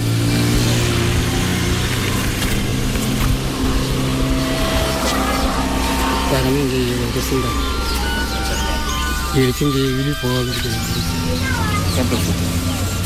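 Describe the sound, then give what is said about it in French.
A loud motor tricycle or old truck engine, carrying felled trees to surrounding villages, drones steadily, with its pitch rising and falling as it revs a couple of times. Voices can be heard faintly in the background. “Une fois les arbres coupés, ils sont embarqués dans des pousses-pousses, des motos tricycles ou de vieux camions, destination des villages environnants.”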